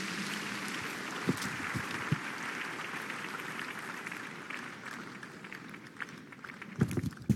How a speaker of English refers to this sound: If you're clapping for Jesus, let's make it better this morning.